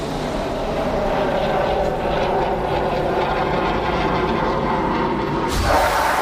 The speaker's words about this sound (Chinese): 歼16战机潇洒脱离，完成首轮火箭弹攻击。